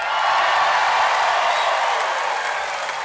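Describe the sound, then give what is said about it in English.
A crowd at a live show being recorded for a double live album cheers loudly and steadily, a dense wash of voices and clapping that holds for about three seconds and eases only slightly at the end. “Yeah, thought that'd get you cheering.”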